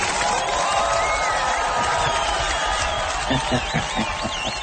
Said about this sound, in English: All right, here's some applause for you.